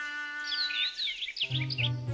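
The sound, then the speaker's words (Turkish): Bright, high-pitched bird chirps flit and warble rapidly over a steady tonal hum, with a lower droning buzz joining in the second half. “Şu kuş olur mu dayı?”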